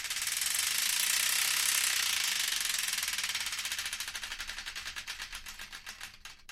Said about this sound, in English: And I'd like to play another song, but before we do, we've got to spin the wheel of destiny to find out which one.